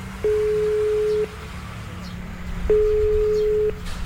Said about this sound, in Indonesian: Coba tak bele wae yo, Mas yo. Tak loudspeaker iki.